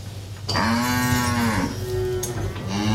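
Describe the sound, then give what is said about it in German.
A cow moos loudly, one long, drawn-out low call that wavers in pitch and carries on to the end, with no talking over it. “Auch deswegen liegt man hier so glücklich an der Kuh.”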